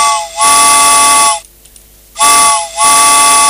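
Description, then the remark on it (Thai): Two loud, sustained train whistle blasts, each rich with harmonic tones and a breathy steam hiss, separated by a brief pause; prominent with no talking. “มาแล้วมาแล้วรถไฟนะคะมารับคุณผู้ฟังแล้วค่ะ”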